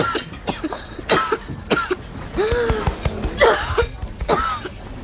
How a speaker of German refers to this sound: Hörst du jetzt auf mich? Hör auf, lass die Husterei. Vielleicht steckt ihm was im Hals. Glaub mir, Husten ist seine Stärke. Er macht das absichtlich, bestimmt.